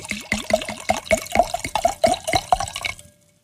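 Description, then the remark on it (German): Wine glugs out of a bottle into a first glass in a quick, steady run of a dozen or so gurgling pulses, clear, then the pour stops abruptly. No voices. “Dann gieß doch mal ein,”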